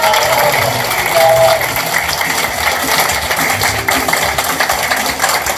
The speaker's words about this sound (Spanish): ¡Aplausos, compañeros!